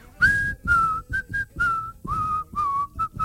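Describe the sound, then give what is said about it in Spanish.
A person whistles a short, haunting spaghetti western film tune of the kind used in Kill Bill, roughly eight clear notes with gliding slides between some of them, at a slow, deliberate pace with no talking. “Kill Bill, cuando aparecía ese silbido, después te venía la muerte.”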